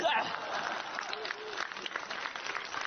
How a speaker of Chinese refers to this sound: 大伙鼓掌，让他请客。